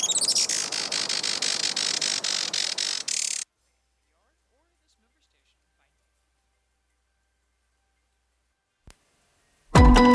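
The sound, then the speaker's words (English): A Juan Fernandez firecrown hummingbird gives rapid, high-pitched chirping calls in a dense, fairly loud burst for a few seconds. Silence follows, then a sudden loud sound starts at the very end. “Today, conservationists with Oikonos ecosystem knowledge are working to restore the island's native forests and to ensure a bright future for the Juan Fernandez firecrown.”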